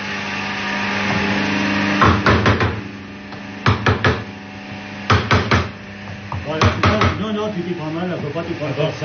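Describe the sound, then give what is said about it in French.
A hammer striking a metal tool held squarely facing the hammer while someone is shown how to strike it, delivered in short bursts of two or three sharp, loud blows with pauses between, over a steady low hum, with a voice talking faintly toward the end. “D'abord, faut tenir ton outil comme ça, et avec ton marteau, bien en face de l'autre voilà.”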